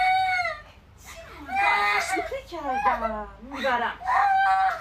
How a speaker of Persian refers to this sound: باشه، گریه نکن، میبریدش.